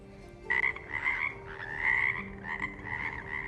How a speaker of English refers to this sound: Another day, something strange happened near Ongmunji Pond at Yeongmosa Temple. It was the middle of winter, but frogs started making loud noises for several days.